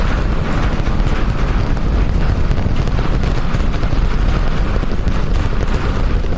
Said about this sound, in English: Seconds into flight, 33 of the 33 Raptor engines lit on the Super Heavy booster arcing away from us here at Starbase.